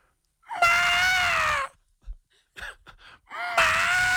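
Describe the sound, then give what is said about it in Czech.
A person's voice on the Evropa 2 morning radio show imitates a wapiti elk's bugle: two long, high, strained squealing calls, each about a second, separated by a few short breathy grunts and gasps. “A teď, jestli bys nám ukázal ten druh, teda jak houká vapity.”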